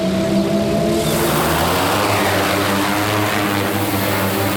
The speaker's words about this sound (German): Hier in Spielberg über einem Campingplatz startet gerade die Polizeidrohne. In wenigen Sekunden ist sie schon in der Luft und fliegt über das Veranstaltungsgelände.